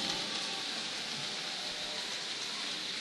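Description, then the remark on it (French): A crowd applauding without a break for a full minute, a dense, steady wash of many hands clapping at once, loud and even throughout with no voices standing out. “Pendant une minute, on va applaudir Jazz sans arrêter.”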